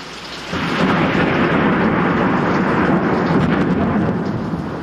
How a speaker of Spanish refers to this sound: Yo estaba en el establo ordeñando las vacas cuando llegó una terrible tempestad con terribles relámpagos.